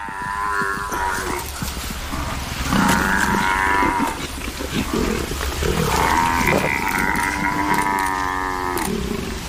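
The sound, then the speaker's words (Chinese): Loud, drawn-out bellowing and mooing calls from African buffalo, layered with deep growls and grunts, overlapping in agitated bursts over a constant low rumble, as lions catch two buffalo calves while the herd runs forward. “然而狮群并没有放弃，牛群外围有几头幼崽，非洲水牛在向前奔跑的过程中，狮子又捉到两头幼崽。”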